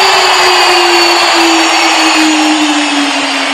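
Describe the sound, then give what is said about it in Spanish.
A loud, unbroken roar of a stadium crowd's ovation for Lionel Messi, Argentina's number 10 and captain, after the stadium announcer names him, dense and steady for several seconds, with a sustained low droning tone running underneath the whole time. “Impresionante ovación para Lionel, para el jugador de todos los tiempos, para el que vistió 20 años esta camiseta, para el que dejó un legado.”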